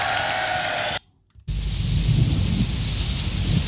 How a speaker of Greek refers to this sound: Κάπου ο ήχος της βροχής.